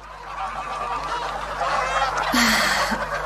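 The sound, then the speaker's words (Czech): A flock of geese honks continuously, a dense, overlapping chorus of nasal calls, with one louder, harsher honk standing out near the end. “Běda tomu, koho přistihnu, že chytá husu proto, aby si ji upekl.”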